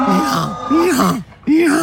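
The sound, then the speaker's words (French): A donkey brays loudly in a couple of long, wavering, groaning calls separated by a brief gasping pause, with no other sounds around it. “Ah, mais un âne. Un âne, ouais, voilà.”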